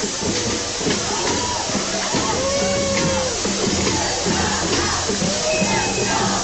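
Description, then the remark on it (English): Drummers of the Mad River chapter of Indivisible beat out a steady, busy rhythm at an outdoor rally, the pounding blending into a dense wash of crowd noise and scattered voices. “Let's listen to the drummers right now for the Mad River chapter of Indivisible.”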